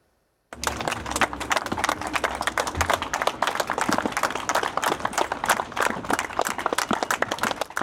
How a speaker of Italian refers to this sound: Lunghi applausi dei compaesani di Francesco Guccini hanno accompagnato l'uscita del feretro dalla corte esterna della casa.